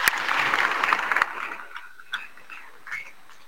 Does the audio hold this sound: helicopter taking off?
no